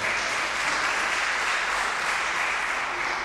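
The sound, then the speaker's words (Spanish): A steady burst of applause from a crowd, dense and even, holding at a constant loudness for a few seconds with no voices standing out. “Un aplauso.”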